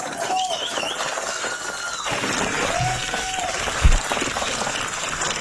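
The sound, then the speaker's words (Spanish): Steady crowd applause fills the whole stretch, a dense crackling wash with shrill whistles and squeals rising above it, plus one brief low thump near the end. “Aplauso de un momento.”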